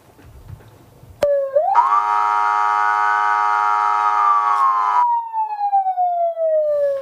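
An alarm siren starts abruptly and wails loudly, its pitch sweeping up, then slowly falling over several seconds as one long continuous tone with no voices.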